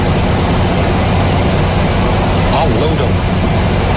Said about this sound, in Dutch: Wacht even, dit is wel heel hard hoor. Kan die airco wat zachter?